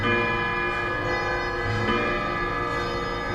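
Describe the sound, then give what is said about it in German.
Several wall clocks and grandfather clocks in a clock shop chime the full hour together, their ringing bell tones overlapping into a dense, sustained wash with fresh strikes every second or so. No one speaks. “Zur vollen Stunde fühlt man sich im Uhrenladen Zeit und Klang zwischen all den Wanduhren und Standuhren fast wie in einem Orchester.”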